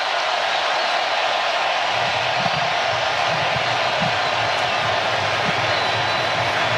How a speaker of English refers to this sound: Christian Pulisic with the ovation as he comes off as well.